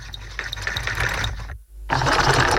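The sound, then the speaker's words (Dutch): A Singer sewing machine runs steadily with a busy, rattling mechanical whir, stops for a split second, then starts up again slightly louder. No one speaks. “Een Singer, naaimachine, ja.”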